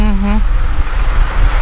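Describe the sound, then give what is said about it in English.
A phone's charging alert, a sound set by its owner on Android 4.3, plays once as the phone is plugged in: a short, steady, buzzy electronic tone lasting under half a second, then it cuts off, leaving only low background noise. “So when I plug my phone in, it makes that noise.”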